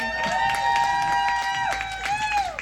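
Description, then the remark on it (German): An audience claps steadily while a long, sustained whoop or whistle rides over the applause, bending slightly in pitch before trailing off. “Einen herzlichen Applaus.”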